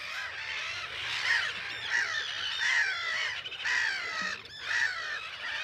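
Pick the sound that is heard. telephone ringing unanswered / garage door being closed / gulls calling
gulls calling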